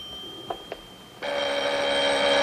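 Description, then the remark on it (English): After two soft taps, a telephone in the lounge of a suite bursts into a continuous, bright, steady ring that holds loudly through to the end, with no one speaking. “He steps into his little hallway as the phone rings in the lounge.”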